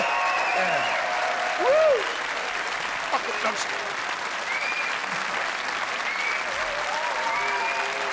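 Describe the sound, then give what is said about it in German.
Sustained audience applause fills the whole stretch, a dense, steady clatter of many hands clapping at once, fairly loud and even, with faint voices and whoops mixed underneath. “Applaus, Applaus, ja!”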